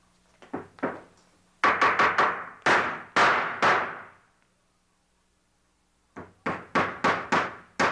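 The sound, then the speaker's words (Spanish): Series of sharp hammer blows in quick rhythmic runs, each strike loud with a brief ringing decay, pausing for a couple of seconds before a final flurry of hits. “¿Me quiere decir qué es eso? Pues un martillo.”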